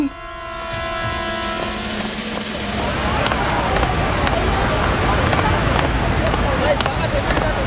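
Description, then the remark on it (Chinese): A crowd strains to push two stalled trucks, one from the secret service bureau and one from the police bureau: a low mechanical drone fades into a steady, loud wash of shuffling feet, scraping and muffled voices, continuous throughout. “保密局跟警察局两辆卡车就搞定了，等他们推完车，小军早就完事儿了。”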